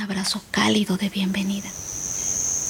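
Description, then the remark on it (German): A steady, high-pitched cricket trill rings on continuously inside a humid cave, faint at first beneath a short burst of hushed speech, then carrying on alone and even until the end. “Fledermäuse flattern durch die Luft und Grillen zirpen.”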